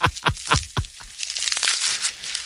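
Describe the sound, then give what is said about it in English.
Wet, crunchy chewing from a giraffe eating: four or five strong rhythmic bites at first, then a denser stretch of softer crackling and tearing as it keeps grinding its food. “That just sounds like it's eating.”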